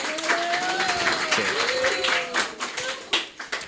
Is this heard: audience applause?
yes